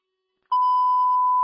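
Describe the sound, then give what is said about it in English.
A single steady electronic beep tone starts abruptly after a brief silence and holds loud and constant for about a second, a radio dispatch alert marking emergency traffic, with no voices. “Emergency traffic is a 907, 39th Avenue, 934 beep.”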